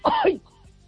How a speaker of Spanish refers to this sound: Que tengo mal la tiroides y me hace toser mucho.